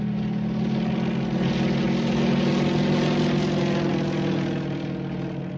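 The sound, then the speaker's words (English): A propeller airplane drones steadily overhead, its engine a loud, continuous low hum with a buzzing harmonic edge that holds for several seconds before easing slightly at the end. “In the air.”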